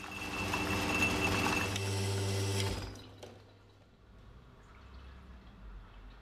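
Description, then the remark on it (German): A running espresso machine hums and buzzes steadily with a low pump drone and a sputtering, spurting hiss of water for about three seconds as the water channels through one path in unevenly distributed coffee grounds in the basket, then cuts out, leaving faint dripping and quiet background noise. “Das Wasser ist hier durch, das hat hier einen Kanal gebildet, so einen Jet, und ist dann da durchgespratzelt.”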